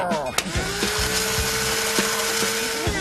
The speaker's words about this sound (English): Now put them into the blender and hit puree to make it nice and smooth. Everything in the blender. And now puree.